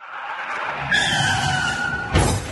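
Car tires screech in a sustained, high skid for over a second, then a loud crash hits near the end. No one speaks.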